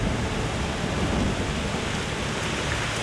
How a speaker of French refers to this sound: La Mazika ? Oh non ! C'est le nom de la terrible mousson de printemps ! Ce vent violent arrive de la mer en apportant une pluie torrentielle !